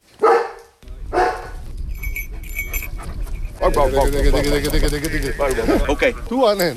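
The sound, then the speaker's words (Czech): A search and rescue dog gives two loud barks in quick succession during mountain rescue training in finding people lost in mountain terrain near Labská bouda in the Krkonoše mountains, Czech Republic, followed by outdoor background noise and then a person talking over the ambience. “V okolí Labské boudy v Krkonoších je v těchto dnech slyšet hlasitý štěkot.”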